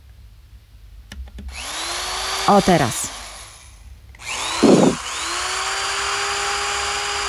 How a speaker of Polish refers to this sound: Wiertarka wkręca śrubki. To wkrętarka chyba bardziej, co? No, wiertarka... Ale wiertarką też można?